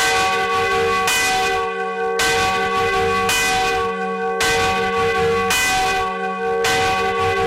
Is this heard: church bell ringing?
yes